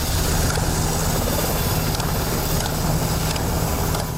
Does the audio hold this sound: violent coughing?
no